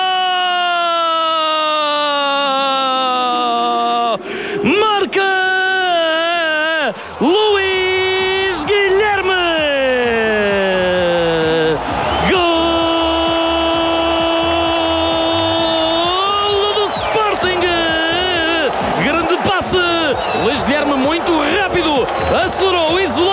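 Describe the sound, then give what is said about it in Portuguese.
A loud crowd at Estádio José Alvalade celebrates Luís Guilherme's left-footed goal making it 5-0 for Sporting against Vitória, a dense continuous roar with blaring horn-like tones sliding up and down in pitch, sustained for the whole stretch with brief dips. “Grande festa nas bancadas.”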